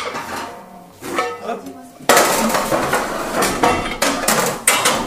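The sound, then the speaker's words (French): A heavy cast iron part, the gueulard (the central piece of an oven), is set down with a loud metallic clank, followed by repeated scraping and clattering of metal against metal, after a quieter stretch with faint speech. “Et je vais mettre la pièce de fonte qui s'appelle le gueulard, qui est la pièce centrale de notre four.”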